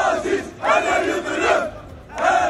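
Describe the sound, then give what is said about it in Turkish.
A large crowd of Fenerbahçe fans supporting Aziz Yıldırım chants loudly outside the stadium as night falls, in rhythmic bursts, many voices roaring together with short pauses between phrases, sounding dense like a massed group outdoors. “stat dışında tam da hava kararmaya yakınken Aziz Yıldırım'ı destekleyen Fenerbahçeli taraftarlar tezahüratlara başlamıştı.”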